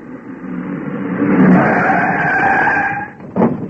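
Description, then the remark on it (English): A car roars in and its tires squeal in a long, loud skid before it stops abruptly, followed by a brief thud. No voices are heard. “Have a look in the car, will you?”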